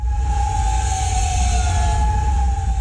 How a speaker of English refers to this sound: Sirens ring out overnight in Kuwait City. Officials there say its air defense systems intercepted missile and drone attacks.